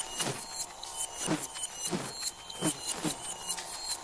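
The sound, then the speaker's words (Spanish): A steady, whirring buzz imitating a bee's waggle dance swells and fades in repeated pulses, about five surges in a regular rhythm, like a bee looping back and forth. No one speaks. “Las vueltas y zumbidos indican qué tan lejos está el néctar.”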